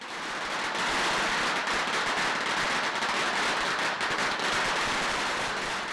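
At 8 a.m. in Dongmen Village, a long string of firecrackers bursts nonstop as the annual Ying Laoye deity procession begins, a dense, rapid crackling that stays loud and steady for the whole stretch, with no voices audible over it.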